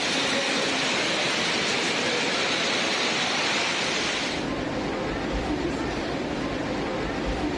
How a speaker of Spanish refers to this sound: Fuerte lluvia cargada con granizo sorprendió a los quiteños la tarde de este domingo 4 de octubre